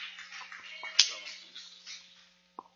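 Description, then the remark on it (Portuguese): A church audience claps hands together to welcome a speaker, in a dense, continuous patter of many overlapping claps, with a few sharper individual claps standing out before it fades away near the end. “Receba o servo de Deus com palmas bem alegre para Jesus!”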